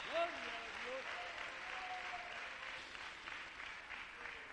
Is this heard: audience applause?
yes